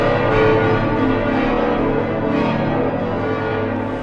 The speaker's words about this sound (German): Glocken und Orgel rufen in den Braunschweiger Dom hinein.